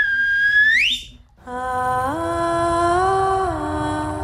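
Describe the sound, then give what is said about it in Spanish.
A loud whistle glides sharply upward and cuts off, followed by a sustained, buzzy harmonic tone that steps up in pitch and holds. No one speaks. It is a person whistling on Radio 3. “Y os doy mi silbido, que para mí es mi premio nacional de danza.”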